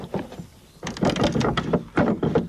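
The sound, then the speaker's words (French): A metal key works a wooden lock on a house door to lock or unlock it, producing a quick series of dry clacks and rattling scrapes that grow louder midway, then two final sharp clunks as the bolt moves. “Et on vient actionner ce mécanisme pour déverrouiller ou verrouiller la porte de la maison, bien évidemment.”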